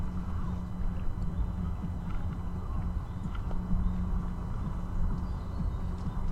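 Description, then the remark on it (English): Steady outdoor riverside ambience beside a riverside path used by joggers, bikers and walkers, with a low, continuous engine-like rumble from many boats passing on the river, faint scattered clicks and other activity, no talking. “Behind me there's the path that runs along the river, so we're kind of, with our setup here, we're kind of caught in between a path with joggers and bikers and walkers and the river with many boats.”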